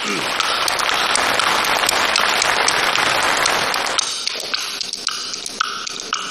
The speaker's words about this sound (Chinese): 啊，好，嗯，啊，这个掌声热烈一点 啊。